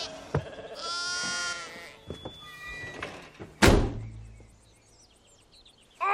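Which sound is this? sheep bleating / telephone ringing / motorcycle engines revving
sheep bleating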